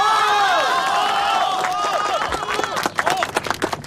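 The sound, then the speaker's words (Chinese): A crowd of villagers' excited voices and cheers ring out, then warm applause builds through the second half, with many hands clapping in a dense, lively patter that grows louder toward the end, welcoming the village party secretary to speak. “乡亲们，下面让我们用最最热烈的掌声欢迎”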